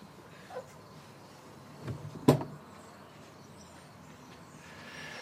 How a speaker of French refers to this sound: Qui ouvre la porte.